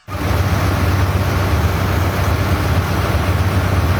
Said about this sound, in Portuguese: Eita, esse motor que fica. Aí não dá pra mandar áudio mesmo, não. Olha que motorzão. Ah, isso aí que mantém o bicho do garimpo funcionando.